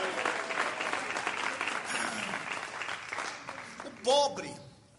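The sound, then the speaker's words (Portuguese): A church audience claps steadily for several seconds while giving glory to God, a dense patter of many hands with voices mixed in, ending with a brief louder vocal burst as the clapping fades out. “Esforça aí. Esforça e bate palma e dá glória a Deus.”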